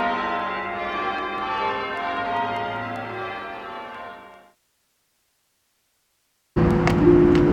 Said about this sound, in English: And so, I embrace the bells. I become one with the bells. My soul merges with the bells. It's like I never existed without them. Their absence is like a jagged, gaping hole in my soul. I miss the bells. I long for the bells.